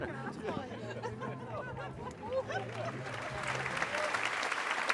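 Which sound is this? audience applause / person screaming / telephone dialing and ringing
audience applause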